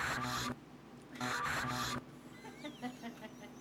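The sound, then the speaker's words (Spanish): Two harsh, raspy strokes like sandpaper dragged across a wooden board, a short one followed by a longer one, then a quieter stretch with faint high chirping. “Como que estaba lijando una tabla,”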